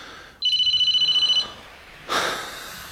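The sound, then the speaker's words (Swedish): A phone ringtone trills in a rapid, steady electronic pulse for about a second, clear, then stops; a soft rustle or breath follows. “Förlåt mig, nu ringer den här terrormaskinen.”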